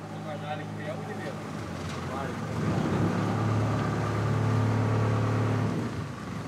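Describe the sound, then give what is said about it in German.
A boat engine drones steadily as the boat heads out of the channel between Poros and the Peloponnese into an open bay, its low hum swelling slightly in loudness as it moves along, with a faint wash of water and wind in the background. “Es geht raus aus dem Kanal zwischen Poros und dem Peloponnes. Hinein in die offene Bucht.”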